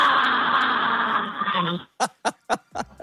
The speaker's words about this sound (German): Okay, mein Urschrei.